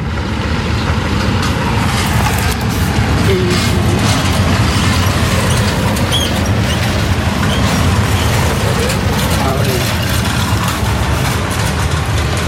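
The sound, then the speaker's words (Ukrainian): Heavy military vehicles rumble by with a deep, steady engine drone that stays loud for the whole stretch, a thick low growl layered with mechanical rattling and no voices. “О, едуць. Вайскоўцы?”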